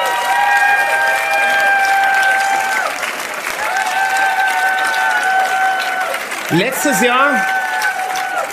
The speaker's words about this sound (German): Und ich denke, da gibt's einen Riesenapplaus für meine lieben Freunde aus Südtirol,